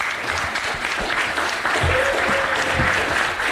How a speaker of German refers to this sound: Applaus.